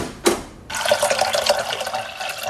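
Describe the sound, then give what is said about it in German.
A brief splash, then a steady stream of water pouring and bubbling into a pot, fairly loud, with no one speaking, as a water bath is prepared to melt half a bar of dark block chocolate, broken into pieces. “Die muss ich zerbrechen und im Wasserbad erhitzen, damit sie flüssig wird.”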